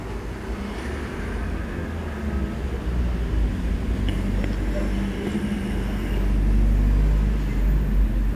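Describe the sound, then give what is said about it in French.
Steady low rumble of city traffic on the Boulevard Saint-Germain, with three cars rolling past as people cross the boulevard; engine noise swells toward the end, and faint voices murmur underneath. “un scooter qui va très vite, un camion, une camionnette, un homme qui me montre du doigt en passant, trois voitures, un oiseau qui passe dans le ciel, les gens traversent le boulevard Saint-Germain, dont une femme qui tient un bébé dans les bras.”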